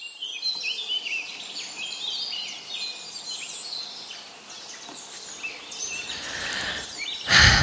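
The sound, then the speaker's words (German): Several birds chirp and sing in a busy outdoor chorus, with overlapping high tweets and trills continuing throughout, ending in a brief louder burst of noise. “Die Vögel zwitschern, die Blumen blühen und überall laufen Tierbabys herum.”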